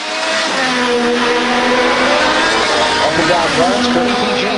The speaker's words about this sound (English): Racing cars have been speeding around a 250-mile-long course, about 400 kilometres, which goes past the US Congress, the Washington Monument and other landmarks in the nation's capital.